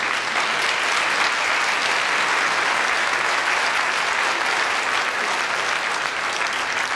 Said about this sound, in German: Aber jetzt kommt erstmal dein Applaus.